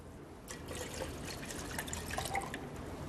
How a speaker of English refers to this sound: We're going to put in 1 liter of water.